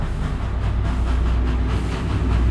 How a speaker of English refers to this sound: She keeps thinking, and the train is bearing down upon her like some predator that sees its helpless victim standing at the end of the tracks.